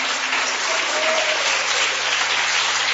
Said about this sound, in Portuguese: Bate as palmas para Jesus, Curitiba.